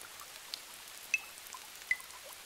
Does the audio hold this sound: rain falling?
yes